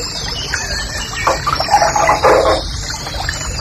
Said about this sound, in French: Un truc très joli ça aussi, ça, c'est le rossignol et cascade.